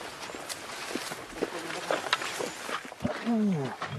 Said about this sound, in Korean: 언젠가는 야생의 벌판에서 백사자들의 포효가 울려 퍼지기를 바랍니다.